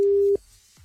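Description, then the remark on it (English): A loud, steady electronic telephone ringing tone from an outgoing call sounds once for a brief moment, then cuts off abruptly into near silence. No one speaks. “So we did tell you to text, and should we ring somebody back? Okay. Let's go.”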